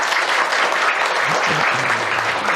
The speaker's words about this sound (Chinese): 掌声欢迎。